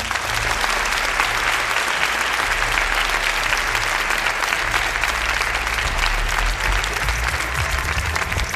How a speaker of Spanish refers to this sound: Un aplauso muy fuerte para ellos.